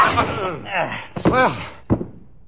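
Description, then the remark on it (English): A scuffle of strained grunts and cries, broken by a sharp wooden thwack and then a heavy, solid blow as a man is struck with a chair to stop him from killing another man. “You were very handy with that chair. How come you hit him?”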